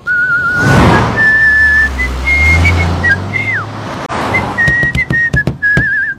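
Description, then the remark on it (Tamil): Someone whistles a simple tune in clear, high, steady notes, with a quick downward slide midway and a run of short clipped notes at the end, over a low rumbling background. “சின்ன வயசுல நானும் பிக்கிற அடிப்பேன். ரொம்ப நன்னா அடிப்பேன்.”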